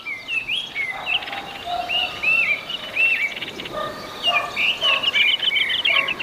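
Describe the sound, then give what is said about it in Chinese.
Nestling chicks in a tea plantation give high, thin begging calls again and again to be fed by their parents, a busy overlapping chorus of short chirps and rising squeaks over a steady hiss of outdoor background noise. “听到雏鸟的起食声，父母会继续喂养它们。”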